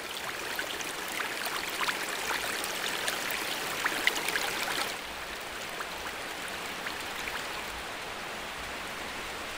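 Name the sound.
artificial waterfall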